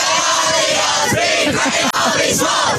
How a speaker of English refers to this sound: That's the 14-year-old boys at Shell Harbour celebrating a recent win.